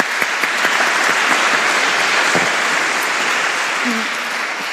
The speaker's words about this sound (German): Dein Applaus.